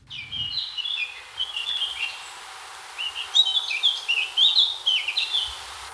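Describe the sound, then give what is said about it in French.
Outdoor ambience under large trees in a park in Suresnes, France, with several birds chirping and singing in short, overlapping phrases against a soft, steady background hiss, a faint low rumble at the very start. “Là, on est sous les arbres. On a quitté la terrasse de l'Institut.”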